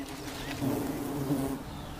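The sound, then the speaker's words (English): Solitary bees buzz steadily, a low droning hum that swells slightly in the middle, with a few insects circling and overlapping. No one speaks. “Many solitary bees build their nest underground.”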